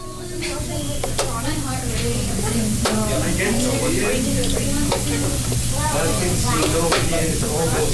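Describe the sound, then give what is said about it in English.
A chess clock clicks softly and sporadically beneath a steady murmur of overlapping voices and a constant hiss-like background, each tap short and sharp, as Unalaska high school students play chess at desks in a classroom after school. “If you listen closely, you'll hear a soft, frequent clicking among the voices.”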